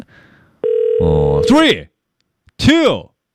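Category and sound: signal or alarm, telephone ringback tone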